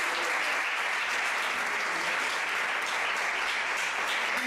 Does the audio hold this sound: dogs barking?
no